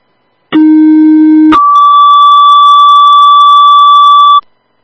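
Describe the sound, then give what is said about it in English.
A loud two-tone emergency dispatch alert toning out for an ambulance driver or EMT: a low, buzzy steady tone for about a second, then an abrupt switch to a long, sustained higher-pitched tone lasting roughly three seconds, with no voices. “Could you tone up for a driver, please, or EMT, either one?”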